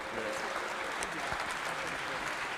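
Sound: audience applause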